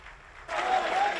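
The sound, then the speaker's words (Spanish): An audience bursts into applause at Florentino Pérez's event presenting his candidacy for re-election as Real Madrid president, a dense, steady wash of clapping that swells suddenly partway through and holds at a loud, even level, with a faint whistle rising above it. “Tras una gran ovación, Florentino se ha lanzado a la carga.”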